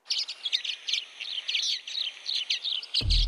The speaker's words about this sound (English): I can't believe that I found the bird. It's a common waxbill. Listen to this. With apps like this, your phone can identify which one is singing.